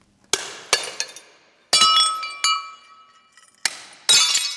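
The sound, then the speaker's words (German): Dozens of porcelain cups and plates are smashed with a hammer by an artist sitting on the floor of a large hall in the Ludwig Museum in Koblenz, Germany, for an installation he is making: a series of sharp, bright crashes, each followed by ringing, tinkling shards. The blows come irregularly, with the final one loudest, and no one speaks. “Sudarshan Shetty sitzt am Boden eines großen Saals im Koblenzer Ludwig-Museum und zerschlägt mit einem Hammer Dutzende Tassen und Teller aus Porzellan.”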